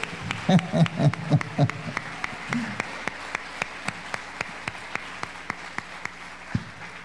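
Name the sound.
audience applauding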